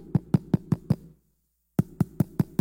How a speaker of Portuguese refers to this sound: Cevada, comida, farinha na lomba dos animais e vêm para a porta de Samaria. Aí os quatro mendigos vai lá e bate na porta trancada.